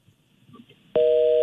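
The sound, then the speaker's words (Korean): A telephone keypad tone from a caller's mistaken button press during a call to a Far East Broadcasting (극동방송) radio show: one loud, steady electronic dual-pitched beep that starts abruptly after near silence and holds for about half a second. “이분 지금 잘못 누르신 것 같아요.”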